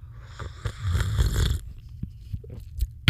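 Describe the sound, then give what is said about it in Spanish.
A loud slurp of hot Chanchamayo coffee, made deliberately noisy for ASMR: a noisy airy sip lasting about a second and a half, followed by quieter mouth clicks and a soft swallow. “Ya sé que no se sorbe el café, ya sé, pero es para efectos del ASMR.”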